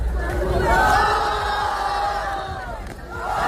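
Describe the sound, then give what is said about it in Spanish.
A crowd roars and cheers continuously, with loud overlapping shouts and some jeering rising and falling for a few seconds, dense; a circle of onlookers at a street competition applauding or booing two young guys battling in the centre with meme moves, gestures and little dances. “A ver, un círculo de público que aplaude o abuchea a 2 chavales en el centro batallando.”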